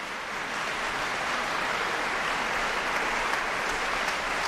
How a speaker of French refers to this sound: Des applaudissements très chaleureux du public pour cette œuvre rarement programmée, composée à la fin des années 1930, où le compositeur genevois réunit plusieurs univers qui lui sont très chers.